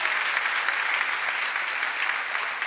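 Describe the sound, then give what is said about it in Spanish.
Steady, dense applause from a crowd for audience members from other countries, a continuous wash of many hands clapping at an even, fairly loud level throughout, with no voices rising above it. “Vamos a darle un aplauso a nuestros hermanos extranjeros.”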